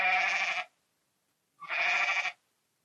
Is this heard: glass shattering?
no